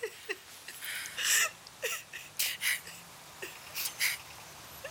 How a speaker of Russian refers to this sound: Мам, ну ты что, хорошо, все, не плачь, а то я тоже зареву.